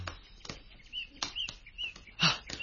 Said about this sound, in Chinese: 有一群乌鸦飞向树林那边。